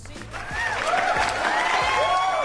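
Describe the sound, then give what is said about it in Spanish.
A crowd applauds steadily with cheers and rising whistles mixed in, on an Aztlán Radio broadcast in tribute to hardworking Latino workers, a dense, fairly loud wash of clapping that swells after the first half second and holds through the end. “Y sobre todo un aplauso porque se la rifan, pero machina ahí.”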